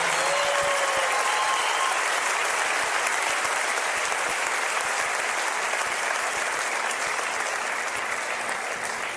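Sustained audience applause fills the whole stretch, a dense, steady wash of many hands clapping, with a faint whistle or cheer near the start and no clear speech.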